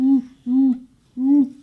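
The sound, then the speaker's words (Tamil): A school student doing mimicry imitates an owl hooting: three clear, fairly loud hoots, the first two close together and the third after a short pause, with no other talk. “இது எனக்கு தெரியுமே, ஆந்தை.”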